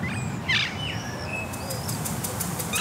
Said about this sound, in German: Wir versuchen mal, den Krach auszublenden und hören. Die Birdscanner-App verrät, Halsbandsittich, Amsel, Alexandersittich, Buchfink und Ringeltaube sind gerade unterwegs.